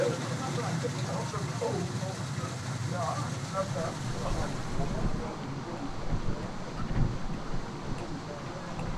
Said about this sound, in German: weil bis draußen ist es so kalt, der Wind ist so heiß und so toll